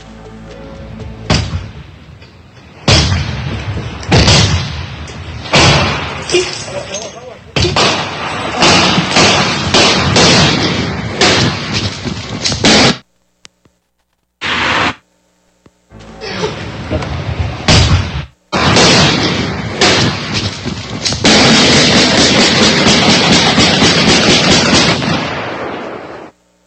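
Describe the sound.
Heavy repeated thuds of a tactical battering ram breaking down a door during a police search raid, then bursts of loud gunfire with brief pauses between volleys as a man shoots at uniformed officers, while voices shout underneath.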